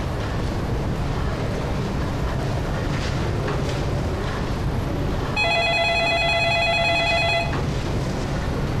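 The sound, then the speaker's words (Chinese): A telephone rings with a steady electronic tone for about two seconds, rising over a constant low rumbling background noise that fills the whole clip. No one speaks. “刚才妈打电话 问什么时候有空回家吃饭。”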